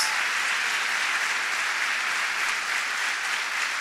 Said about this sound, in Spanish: Si vamos a aplaudir, demos un fuerte aplauso, porque es para Dios.